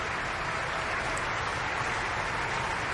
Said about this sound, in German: Ja, Sie ahnen es. Dieser Applaus ist für Camilla Nylund, die Brünnhilde, heute Abend.